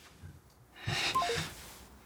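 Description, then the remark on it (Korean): A quick run of three short electronic keypad beeps from a phone being dialed to call the Hanok Village police box and make a report, fairly quiet, set against a soft rustling hiss. “나 신고할 거예요, 신고.”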